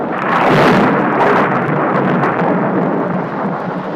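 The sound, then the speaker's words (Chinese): A loud, continuous wash of a sudden heavy rainstorm with hail, rumbling thunder rolling underneath, steady and enveloping for the full few seconds, no voices present; an afternoon storm at the site of a large old banyan tree. “有一天下午，这里突然下起了暴雨加冰雹，此时在树下玩耍的孩子们急忙躲入树洞里。”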